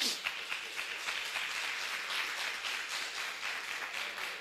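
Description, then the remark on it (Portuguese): An audience at a church service applauding to the Lord, a steady, dense wash of many hands clapping at moderate volume throughout, with faint voices mixed into the crowd. “E se você recebe, dê um lindo aplauso ao Senhor.”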